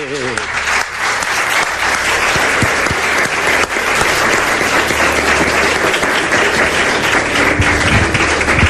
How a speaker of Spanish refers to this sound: Te mereces un aplauso.